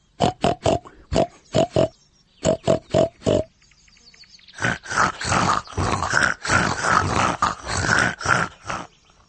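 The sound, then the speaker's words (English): Voices imitate a pig, first with a series of short rhythmic grunts, then a longer stretch of louder, overlapping snorting oinks from several people. “Grunt like a pig in a sty.”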